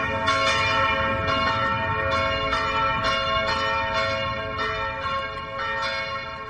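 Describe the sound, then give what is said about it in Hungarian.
A 10-second test church bell played from an app rings steadily with repeated strikes roughly every half second, its rich, sustained tones overlapping and ringing out loudly with no talking. “Hát a harang úgy szólal meg, hogy itt az applikáción van egy tesztharang, 10 másodperces tesztharang, és most meg is szólaltatjuk.”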